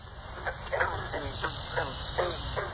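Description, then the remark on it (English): Short twanging green frog calls like a plucked banjo string, repeated roughly every third of a second over a steady low background hum, moderately loud, with no voices. “Kermit the green frog. Yeah. Playing the banjo.”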